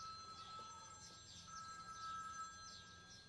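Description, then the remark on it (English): A mobile phone rings faintly and muffled, as if from inside a bag, its electronic trill repeating in a steady pattern with no one talking over it. “Is that someone's phone ringing?”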